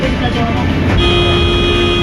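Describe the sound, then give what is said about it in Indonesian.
A motorcycle travels along the Pekanbaru–Dumai toll road in Indonesia with a steady roar of engine and road noise, and a sustained horn-like tone sounds through the second half. “Guys, ada motor.”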